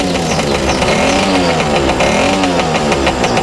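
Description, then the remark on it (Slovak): A motorcycle engine revs loudly, its pitch rising and falling in repeated sweeps that fill the whole moment, with no voices. “Pozrite na toho motorkára, čo ide k svojej mašine.”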